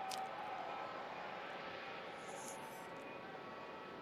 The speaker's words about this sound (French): Voilà, l'avion arrive, il roule maintenant, avec bien sûr les deux drapeaux, français et le drapeau du Vatican. Voilà donc un avion.